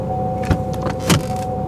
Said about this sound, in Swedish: Mamma satte sig bakom ratten och startade bilen.